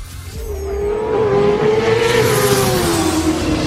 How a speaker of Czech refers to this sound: A.k.a. zvuk motorky, tak prostě volejte.